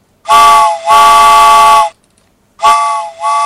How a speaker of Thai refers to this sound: แหมเสียงหวูดรถไฟนี่ดังเหลือเกินนะคุณผู้ฟังนะบางคนตกใจอุ้ยได้ยินเสียงหวูดรถไฟตกกระจายทุกทีเลยนะคะ